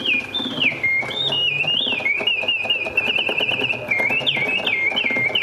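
A shrill mechanical bird whistle, the song of a bird that appears under a cup in a magic trick, warbles continuously, its high pitch sliding up and dropping in repeated chirping swoops, steady and loud for several seconds over a faint murmur.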